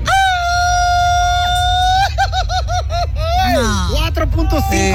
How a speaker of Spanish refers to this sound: Grito battle, escuchemos. Un grito mexicano